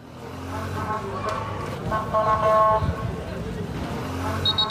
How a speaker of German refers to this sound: Die Sirenen der Krankenwagen, die Pfiffe der Polizisten, das Geschrei der vielen jungen Männer. Dazu der Geruch von Notdurft und verbrannten Autos. All das überlagert diesen Tag in Fnidek, dem Nachbarort von Ceuta an der Küste Nordafrikas.